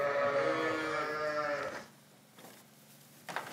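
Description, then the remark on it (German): A Basco-Bernays (Basque dairy) sheep lets out one loud, drawn-out, quavering bleat lasting nearly two seconds, followed by quiet rustling and a brief knock as the flock of nearly 150 sheep pushes into the milking parlour. “Schafe der Rasse Basco-Bernays, baskische Milchschafe, deren Milch besonders viele Inhaltsstoffe hat.”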